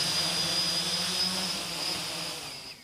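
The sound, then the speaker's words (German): A steady, high-pitched whine with a broad hissing buzz, like a small drone hovering on a test flight inside a cage, holding constant before easing off slightly at the end. No one speaks. “testen im Labor und dann schnell hier im Käfig einfach gefahrlos Probe fliegen”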